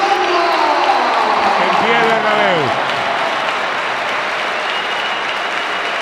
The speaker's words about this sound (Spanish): Responde Santi con un aplauso también. Todo el Bernabéu en pie, ¿eh?